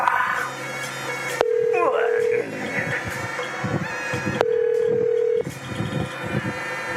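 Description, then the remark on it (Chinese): A telephone rings with two steady, electronic-sounding tones, each lasting about a second and spaced a few seconds apart, fairly loud over background chatter and room noise. “今年要接电话啦。”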